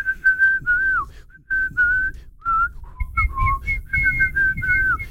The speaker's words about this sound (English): Some are doing random noises like myself, like or trying to whistle.